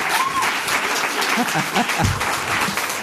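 Steady audience applause, a dense wash of many hands clapping at once, loud and continuous for the whole stretch, with faint voices and a brief low thump mixed in.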